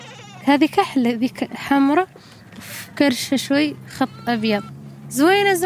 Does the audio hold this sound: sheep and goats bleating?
yes